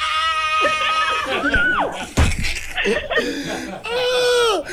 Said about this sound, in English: Scream!